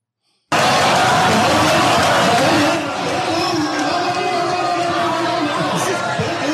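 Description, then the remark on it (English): A large indoor crowd at a town hall boos and shouts all at once, a dense, loud roar of many voices that starts abruptly and holds steady, easing only slightly partway through. “And he's yelling, "No, no, no, no! Don't boo! Don't boo!"”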